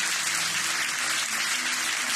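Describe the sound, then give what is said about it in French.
An audience applauds for Jesus, breaking into steady, sustained applause, many hands clapping together in a dense, even roar that holds at a constant loudness throughout, with no voices standing out above it. “On applaudit Jésus ensemble matin.”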